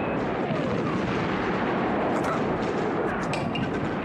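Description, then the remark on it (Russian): Bombs dropped by attacking aircraft on trenches explode in a continuous roaring din of battle, a dense rumbling wash with a few sharper blasts cracking through near the end. “Сбросив бомбы, самолеты разворачиваются по широкой дуге на новый заход.”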